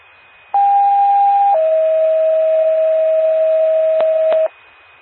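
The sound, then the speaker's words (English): A loud two-tone Cuba County ambulance dispatch pager alert: a steady higher tone for about a second, then a long, slightly lower tone holding for around three seconds before cutting off, with no voices. “Time of page 319, Cuba County clear.”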